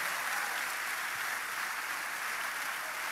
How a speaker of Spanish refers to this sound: Apláudale, apláudale. Que se sienta en el cielo ese aplauso.